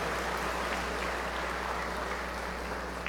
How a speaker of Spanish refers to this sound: Démosle un fuerte aplauso a todos los abuelitos y todas las abuelitas.